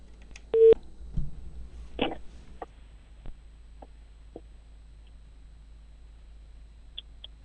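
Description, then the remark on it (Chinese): A single short, loud telephone busy tone beeps once near the start, followed by scattered soft clicks and handling noises over a quiet line, with no talking; a call to the housing and construction bureau of Qingshan District, Baotou, China, whose line is busy. “包头市青山区，您给我提供住建局的这部电话，用户正忙，还有其他的电话吗？”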